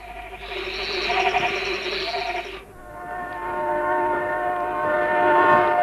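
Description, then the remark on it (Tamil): A train draws near, its loud horn blaring in a long blast before settling into a steady, sustained whistle tone, with rumbling growing louder toward the end. “அடே, ட்ரெயின் வருது. யாரோ தண்டவாளத்தில் படுத்துருக்குற மாதிரி தெரியுதே.”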